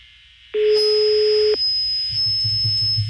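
A phone line rings during an outgoing call to a woman's phone: one steady, buzzy ringback tone lasting about a second, followed by quiet line hiss with a thin high whine and some low rumbling.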